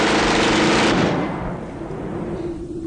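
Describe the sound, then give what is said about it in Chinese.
A submachine gun fires a rapid, loud burst of shots at a police car for about a second, then the noise fades into a low, rumbling echo with a faint lingering hum. “而对面的冲锋枪却已经响了。密集的弹雨覆盖了警车，打出来无数的弹洞。”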